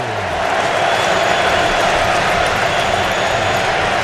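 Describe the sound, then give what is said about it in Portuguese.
A huge stadium crowd of Ecuadorian football fans roars continuously at a Germany versus Ecuador match in New Jersey, Ecuador leading 2-1, a dense, loud wash of cheering voices that stays steady and unbroken throughout, with no single speaker standing out. “Torcida equatoriana vai ao delírio.”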